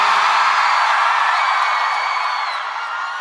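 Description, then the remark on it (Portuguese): A large crowd in Salvador roars with whoops and shouts after being asked to raise their hands and shout, a dense, loud wall of cheering that holds steady throughout and eases off slightly at the end. “Quem gostou, joga a mão e dá um grito, Salvador.”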